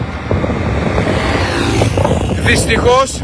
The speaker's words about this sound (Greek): Βλέπουμε οχήματα περνάνε μέσα από τον καπνό, μέσα από το μαύρο καπνό, βλέπετε και στο βάθος. Αλλά αν η φωτιά είναι δίπλα στον δρόμο, η φωτιά έχει φτάσει δίπλα στον δρόμο, το βλέπετε πίσω, κι όμως περνάνε οχήματα μέχρι τώρα.